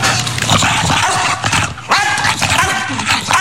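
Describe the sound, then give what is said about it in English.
A dog named Smooch barks in loud, raspy bursts, the hoarse, gravelly calls coming one after another with almost no pause throughout. “Like, it barks and it flaps.”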